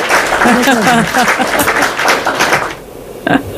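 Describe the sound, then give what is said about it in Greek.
A crowd applauds with steady, dense clapping while a voice speaks over it, then the clapping thins out and fades near the end. “Τώρα αυτό είναι δηλαδή, και χειροκρότημα.”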